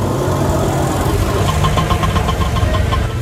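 An auto-rickshaw engine idles, a steady low rumble with a rapid, rattling knock that continues evenly throughout, with no voices present.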